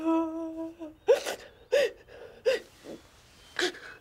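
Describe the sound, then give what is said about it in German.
A woman sobs, starting with a drawn-out whimpering wail, then breaking into four or five sharp, gasping sobs at an uneven, halting rhythm. “Nicht weinen, Kleines.”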